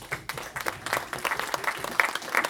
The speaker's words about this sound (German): Einen großen Applaus.